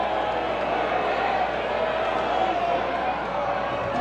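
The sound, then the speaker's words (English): A steady, dense roar of a large crowd at a baseball game, a continuous wash of murmuring voices and cheers that holds at an even level for the whole stretch. “Crowd trying to get involved here”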